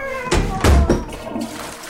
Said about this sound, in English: Did he do that on purpose? Do what on purpose? Slam that door.